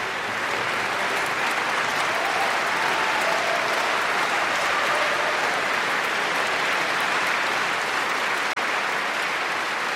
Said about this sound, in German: Großen Applaus für die Musikerinnen und Musiker heute zu Saarbrücken.